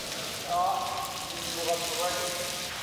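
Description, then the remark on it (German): A steady hiss of cold water spraying continuously onto an elephant on a warm day, with faint murmuring voices briefly audible in the background. “Vielleicht hilft ja eine kalte Dusche. Die kann auch bei Elefanten anregend wirken.”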